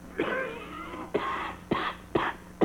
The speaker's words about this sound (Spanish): Y esta tos es de perro, mire. Ah, papo, esa tosecita me se hace sospechiva, gañón.